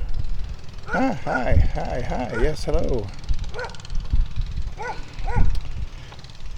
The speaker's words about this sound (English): There's a dog over there in that backyard barking at me.